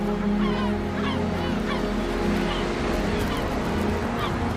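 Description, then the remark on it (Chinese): A seagull at its nest on a crowded cliff gives a series of short, rising cries at an uneven pace, heard over a steady, loud, low droning bed of sound. “这只海鸥选择了一个不太理想的筑巢点。”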